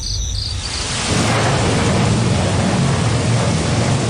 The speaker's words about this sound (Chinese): 哎，怎么说着说着就下雨了呢？ 当盛夏的闷热到达顶点，天空总会以一场雷雨作为回应。